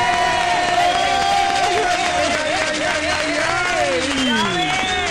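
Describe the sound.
Steady, loud applause with cheering and high whooping voices running throughout, a dense wash of clapping under rising and falling shouts for about five seconds.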